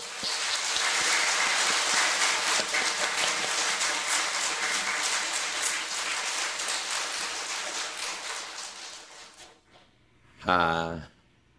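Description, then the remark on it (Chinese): Sustained crowd applause welcoming a guest who represents mainland China at a Thousand-Buddha one-day Chan session, dense and even for about nine seconds, then fading out; a brief spoken voice follows at the end. “13亿同胞，在这里一起参加老祖、世尊，所给我们的修行的机会，千佛修正一日禅，首先呢，我们再热烈的掌声来欢迎。”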